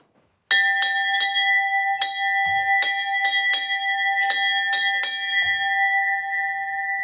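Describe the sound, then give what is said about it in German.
A large cattle bell, a Heimfahrglocke meant to lead the cattle home, rings loudly with about a dozen uneven clanging strikes, each leaving a sustained metallic tone that hums on after the swinging stops. No one speaks. “Und da ist die Heimfahrglocke, die sollte das einmal leiten.”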